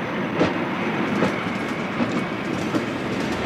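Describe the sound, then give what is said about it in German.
A train on a return journey rolls steadily along the rails past meadows with cows and horses, a continuous low rumble broken by regular clickety-clack beats about every three-quarters of a second. No voices are heard. “Als Conny auf der Rückfahrt aus dem Zugfenster wieder die Kühe und die Pferde auf den Wiesen sieht”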